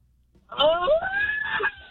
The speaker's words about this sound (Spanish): ¡Grito ya ahí, el cumpleañero,